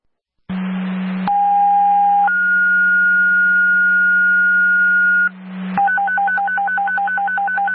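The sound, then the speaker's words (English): A burst of radio static, then a loud two-tone Oxford Fire dispatch page for apparatus responding to a CO alarm activation: a steady low tone stepping up to a long higher tone, followed by static and a rapid alternating warble alert over a constant hum. “Can you give me another tone for apparatus, please?”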